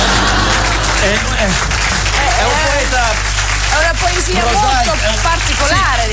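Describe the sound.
A steady wash of audience applause runs for about six seconds, loud and close, with voices calling out and talking over the clapping throughout.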